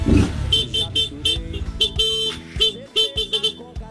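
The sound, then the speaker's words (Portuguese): Repeated car horn blasts at a buzinaço, a honking event, several honks of varying length overlapping in a loud, uneven burst, with engine rumble beneath, like a crowd of vehicles honking together. “E o buzinaço hoje saiu.”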